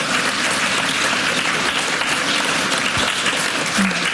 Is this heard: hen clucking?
no